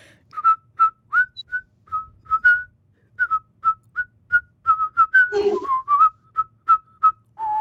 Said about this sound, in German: Kannst du auch pfeifen oder lieber singen? Pfeifen. Okay, dann mach du mal kurz.